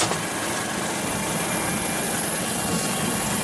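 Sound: helicopter flying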